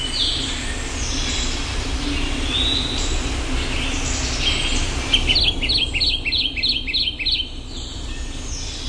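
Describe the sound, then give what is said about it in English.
A Kentucky Warbler sings a quick run of six or seven rolling, two-part phrases, clear, over a steady hiss and low rumble of background noise. “Let's listen to one more. The Kentucky Warbler.”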